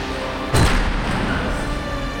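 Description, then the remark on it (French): A single heavy castle door slams shut with a loud, booming thud, followed by a steady low rumble of background noise. No voices are heard. “Fou de jalousie, il quitte la fête précipitamment en faisant claquer toutes les portes du château les unes après les autres.”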